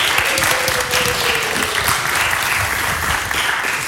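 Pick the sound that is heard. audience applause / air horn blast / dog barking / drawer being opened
audience applause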